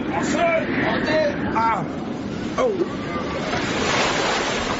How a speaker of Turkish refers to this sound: Deniz giderek sertleşiyor.